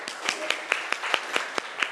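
A group claps in a steady rhythm, about four sharp claps per second, bright and fairly loud, with faint chatter underneath between the beats.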